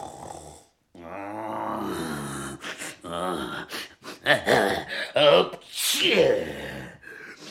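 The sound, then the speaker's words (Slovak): A voice imitates a dragon's monstrous snore: loud, rasping, growly breaths rise and fall in several irregular bursts with snorts, alone, with no speech. “Šarkan chrápe, ako by drevo pílil.”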